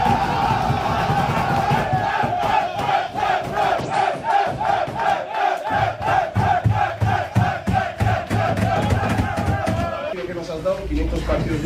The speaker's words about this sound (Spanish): también en el vestuario, con camiseta especial para el cuerpo técnico encabezado por Ernesto Valverde y por Jon Aspiazu por esos 500 partidos y los jugadores, ese grito, ¿no?, de Ernesto Valverde y cantándole al técnico del conjunto rojiblanco.